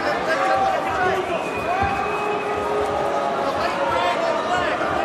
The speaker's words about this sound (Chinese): 场下嘘声再次响起